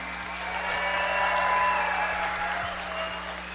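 Steady audience applause for the seven contestants of the singing contest México Canta 2026 fills the space, a dense wash of many hands clapping at once, swelling slightly in the middle before easing off a little, with no voices standing out.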